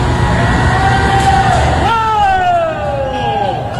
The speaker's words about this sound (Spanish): Y escuchen ahora los gritos de los empleados. Escuchen ahora. Escucha.